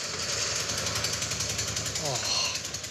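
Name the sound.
badly running car engine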